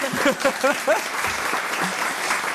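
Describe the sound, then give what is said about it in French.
A studio audience applauds in a dense, steady wash of clapping that runs through the whole clip, welcoming the show's panelists, with a voice briefly speaking over it near the start. “qu'on peut accueillir et qu'on peut applaudir aussi.”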